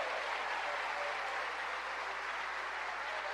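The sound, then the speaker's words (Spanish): Steady applause offered to God fills the whole stretch, a dense crackle of many hands clapping at once with no pauses, fairly soft and even throughout. “¿Cuánto le dan un aplauso a ese Dios maravilloso?”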